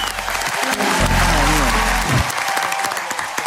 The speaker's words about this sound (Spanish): Los aplausos de Che.